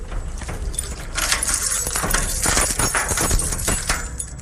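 A bunch of keys jangles in a steady, loud metallic rattle with sharp clinks and a few heavier clunks as the lock of an old, alarm-secured metal door is worked on a sunny day. No one speaks.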